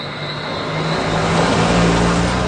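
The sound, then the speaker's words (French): A car engine hums steadily, its low drone rising slightly in pitch and loudness as the vehicle keeps rolling along toward Soufrière, a small village in southern Dominique on the Caribbean Sea, with road noise filling the background. “Il faut des bons freins pour venir à Soufrière.”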